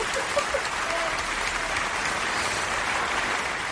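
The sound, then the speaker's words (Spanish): Steady applause from an audience after a guest passes a test during an interview, a dense wash of many hands clapping at once, sustained and fairly loud throughout with no pauses. “Un aplauso, por favor.”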